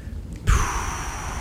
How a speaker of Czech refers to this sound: Vítr.